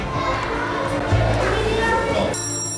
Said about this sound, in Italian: Quando al mattino suona la campanella nella scuola di Oltre il Colle, la sveglia per buona parte dei bambini è suonata già da ore.